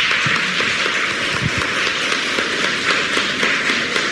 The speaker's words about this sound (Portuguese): Obrigada a presença de todos nossos queridos romeiros, diversas cidades. Uma salva de palmas para os romeiros.